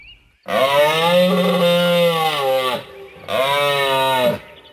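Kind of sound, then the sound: animal, moose call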